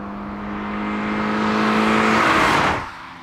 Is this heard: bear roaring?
no